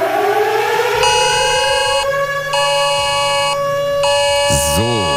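A loud civil defense warning siren in Cologne wails continuously on the nationwide warning day, its steady rising tone holding throughout while other alarm tones beep on and off over it. A pitch-sweeping wail joins near the end.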